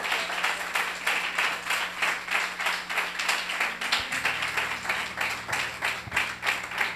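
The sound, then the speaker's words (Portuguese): A church audience claps together to glorify the Lord in a steady, rhythmic beat, loud, with a low hum underneath and no one speaking. “E as palmas glorificam ao Senhor que Ele merece.”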